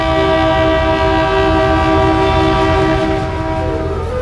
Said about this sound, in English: I finally make it onto my first train journey from Muzaffarpur to Motihari. Let the train journeys begin.